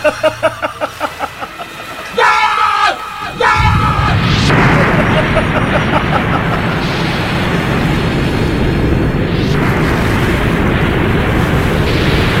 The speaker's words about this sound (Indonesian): Kita harus menghindar dari gelombang ombak besar yang datang. Tuan Putri, perahu kita terbawa ombak besar. Kita akan tenggelam, Tuan Putri.